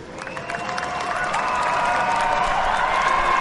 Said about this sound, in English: Exactly, and it's time to celebrate. Guys, a big round of applause. Congratulations.